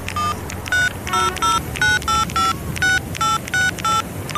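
A quick run of about eleven touch-tone beeps as a phone number is dialed, each short and evenly spaced, heard clearly over a faint low background hum.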